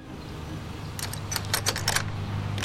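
A set of keys jangles in a quick cluster of bright metallic clinks lasting about a second as the front door of an old house is unlocked, over a low, steady hum, with no voices.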